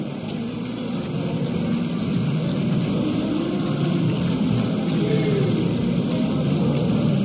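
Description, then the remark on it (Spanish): An audience applauds a dance group in a dense, continuous roar of clapping that holds steady and loud for several seconds, with no voices standing out. “Este es el cariño que reciben de nuestra gente, el aplauso que se escuche bien fuerte.”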